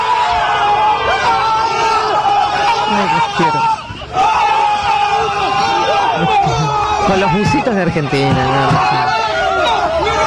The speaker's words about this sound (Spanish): Entonces, desde un pueblito hasta en el Altamar. Todos festejando el mismo grito de gol.